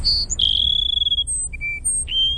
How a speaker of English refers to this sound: All right, that's the Cassin Sparrow.